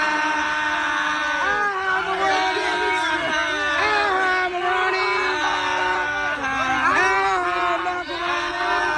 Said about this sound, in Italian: Niente, sto pezzo c'ha una coda lunghissima con la gente che strilla.